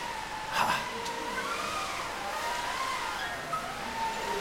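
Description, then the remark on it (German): Steady wind blows with a hollow, wavering howl that rises and falls in pitch over a constant rushing noise, moderately loud and continuous throughout, with no voices. “Und zum Segeln brauchen wir vor allem erstmal Wind. Und den kriegen wir für eine Klasse 3A.”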